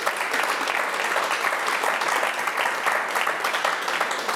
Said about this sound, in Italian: Un applauso a questi angeli.